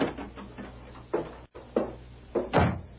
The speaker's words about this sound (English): There, with a signed paper in his hand, he halted before the stage office, dismounted, and strode inside. Red Murphy looked up in surprise at the sound of the door.